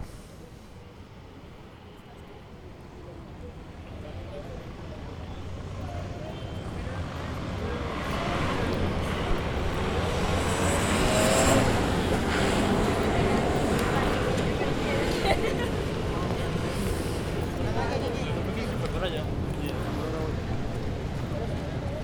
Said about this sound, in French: Vous entendez, on a des gens, on a des gens qui marchent, on a des voitures un petit peu, on a des enfants aussi, moi j'ai entendu des enfants.